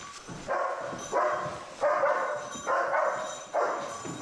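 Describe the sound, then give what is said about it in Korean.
A German shepherd search-and-rescue dog, Hangyeol, barks insistently in a steady rhythm, about five loud, sharp barks spaced roughly a second apart, with no one talking. It is alerting that it has found a missing person during a building search, trained to bark until given a command. “명령이 있기 전까지 짖어서 알리도록 훈련받았다.”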